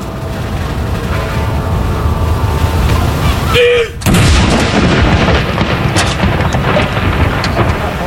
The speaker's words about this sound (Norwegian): Andre kanon!